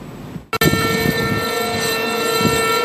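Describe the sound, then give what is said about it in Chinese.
An air raid siren wails in a loud, sustained tone with rich harmonics, cutting in abruptly after a brief hush and holding steady over a low background rumble, sounded at 9:00 a.m. at the Harbin Flood Control Memorial Tower in Heilongjiang, China, marking the anniversary of the September 18 Incident. “在黑龙江哈尔滨防洪纪念塔，悠长肃穆的警报声划破长空，响彻全城。”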